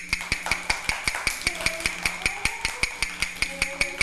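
A rapid, steady series of sharp wooden knocks, roughly six per second, evenly spaced and moderately loud, with faint tonal sounds in the background, as a teacher knocks out a fast rhythm for children in a movement activity.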